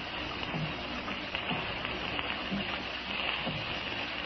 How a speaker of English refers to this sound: I could actually believe that the rain was a million fingers tapping on the pavement.